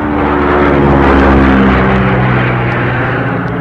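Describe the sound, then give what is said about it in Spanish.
A small propeller plane drones steadily and loudly overhead, banking to change course 8 degrees to the south. Its engine hum holds a low buzzing tone that shifts slightly in pitch as it turns, with no voices present. “La avioneta hizo un giro para continuar en la ruta señalada.”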